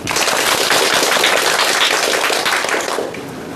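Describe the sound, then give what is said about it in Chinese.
An audience claps to welcome a professor who will demonstrate a recitation of a prose essay: a dense, steady burst of applause that stays loud for about three seconds, then tapers off slightly at the end. No one speaks. “大家掌声欢迎。”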